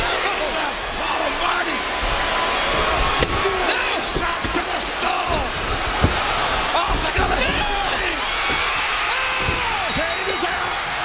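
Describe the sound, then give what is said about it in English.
A few sharp, loud metallic shots crack out as Stone Cold Austin strikes Kane with a steel chair at a Royal Rumble wrestling match. They ring over the steady roar of a large arena crowd, with indistinct voices shouting underneath. “Austin's got the steel chair.”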